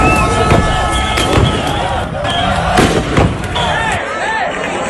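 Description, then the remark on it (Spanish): Several sharp, loud blasts of deterrent charges fired by police at rioters on Trampolín beach in Ceuta go off at irregular intervals over a constant roar of a crowd, with shouting voices throughout. “La policía ha disparado cargas disuasorias contra ellos.”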